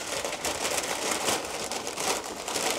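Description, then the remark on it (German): Steady crinkling and rustling of a thin bag as six Liebesknochen pastries are packed into it, continuous for a few seconds with no talking. “Packen wir in die Tüte.”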